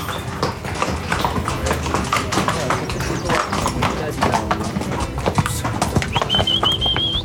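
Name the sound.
horses walking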